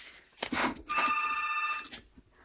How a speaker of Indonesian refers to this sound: Di line telepon sudah ada yang berdering, kita langsung menyapa saja.